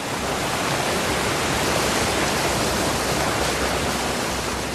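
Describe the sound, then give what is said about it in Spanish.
Rushing river water churns steadily over piles of stones, a dense, unbroken roar with a hissing, splashing texture, loud throughout with no voices. “Entre montones de piedras discurren, sonoras y relampagueantes, las aguas de este río.”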